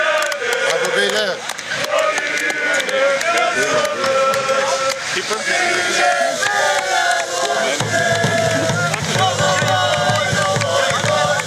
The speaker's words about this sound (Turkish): Taraftarlarımız oyuncularımıza tezahüratlarla sevgi gösterilerinde bulundu.